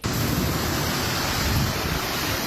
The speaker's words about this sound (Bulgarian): Бурята остави след себе си наводнени улици, разхвърлено плажно оборудване и в Китен. А ураганният вятър премина и през Лозенец.